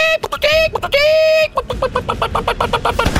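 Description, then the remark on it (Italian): A woman's voice imitates a hen, starting with a couple of drawn-out, nasal squawks and breaking into a quick, steady run of short clucks. It is fairly loud, with no other sounds. “Faccia il verso della gallina.”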